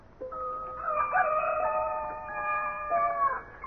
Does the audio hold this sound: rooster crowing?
yes